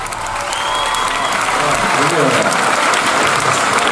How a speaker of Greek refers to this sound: Εσείς χειροκροτάτε.